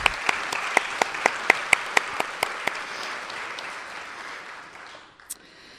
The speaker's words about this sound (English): If they are, oh, right here, round of applause for the help of judging.